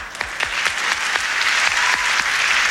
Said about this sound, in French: L'arbitre étant monsieur Ambrose Pérez, qu'on applaudit bien fort.